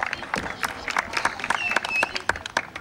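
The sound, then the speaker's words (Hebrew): An audience at a Radio Kol Chai event in Beersheba breaks into applause welcoming Rabbi Oshri Avikzer, deputy mayor of Beersheba: a dense, steady patter of many hands clapping at moderate loudness, with crowd voices murmuring and calling out underneath. “טוב, קהל נכבד, באר שבע, רדיו קול חי, אני רוצה להזמין לכאן את הרב אושרי אביכזר, תנו לו מחיאות כפיים, סגן ראש העיר באר שבע.”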